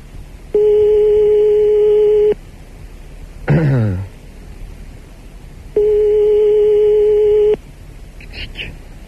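A telephone ringback tone sounds twice on the line, two long steady buzzing rings separated by a pause, with a short muffled sound in between.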